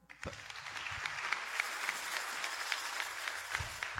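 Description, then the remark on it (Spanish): Steady applause from an audience, a dense wash of many hands clapping that holds at an even, moderately loud level for about four seconds with no voices over it. “Un fuerte aplauso.”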